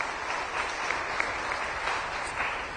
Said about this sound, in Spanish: Palabra de Dios. Palabra de Dios. No, dele un aplauso a la palabra de Dios.